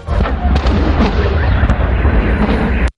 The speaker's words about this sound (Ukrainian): Поки в Петербурзі все вибухало